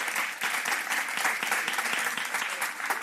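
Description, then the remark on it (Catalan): An audience at a film festival's honorary awards claps steadily for Danny DeVito, a dense crackle of many hands sustained at an even level for the whole stretch without pause or build. “Podeu aplaudir.”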